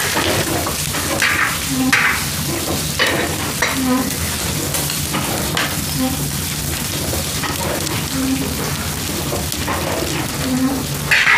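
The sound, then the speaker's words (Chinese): Food sizzles and crackles steadily in a pot over a flame that is too high, the pot about to scorch, fairly loud, with a spoon or spatula scraping and stirring at a regular pace roughly every two seconds. “小点火，小点火，锅都要糊了。”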